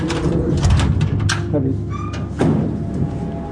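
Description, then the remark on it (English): A heavy door creaks and groans as it's pushed open to go inside, drawn-out squeaky tones over a low, rumbling background, with people's voices faintly heard. “Right outside the doors.”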